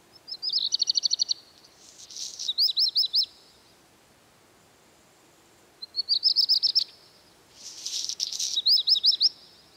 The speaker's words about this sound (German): Der Gesang des Hausrotschwanzes erinnert zum Beispiel in Teilen an knirschende Steine.